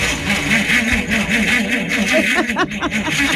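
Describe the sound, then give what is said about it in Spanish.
A car engine cranks over and over in a steady, rapid rhythm without catching, fairly loud, on a frosty morning around 5 a.m. at 4 degrees, failing to start in the cold, with a few brief voiced sounds near the end. “Con este que con este frío nadie quiere arrancar, ni el auto no quiere arrancar.”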